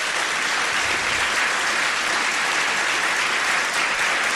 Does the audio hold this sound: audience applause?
yes